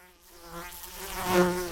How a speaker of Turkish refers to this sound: Ah. Lanet sinek kulağıma girdi. Ah tanrım.